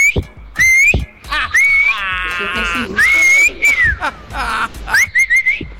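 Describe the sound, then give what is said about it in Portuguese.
A person whistles loudly in a string of short, wavering and rising notes, like calling a dog, mixed with a few buzzier bursts, with no talking. “Cara, eu perdi meia hora ouvindo só assobio.”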